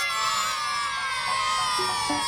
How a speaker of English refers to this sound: And all the kids from Buick Memorial all cheering you on.